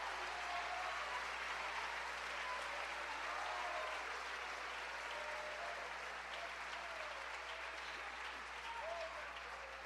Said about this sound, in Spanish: ¿Cuánto le dan gloria a Cristo? ¿Cuánto le dan un aplauso a la misericordia de Dios?